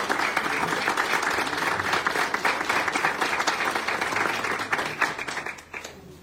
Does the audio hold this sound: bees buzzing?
no